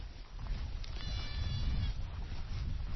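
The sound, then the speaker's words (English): A goat bleats once in a long, wavering cry partway through, over steady outdoor rumble like wind across open ground, on a hill with goats and their babies. No one speaks. “Back on the hill with the goats, the gentleness overwhelms me.”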